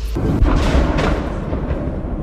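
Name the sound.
missile explosion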